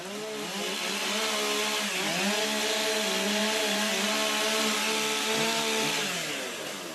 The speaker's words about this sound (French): Allez, tronçonneuse déjà démarrée. Main sur les rondins.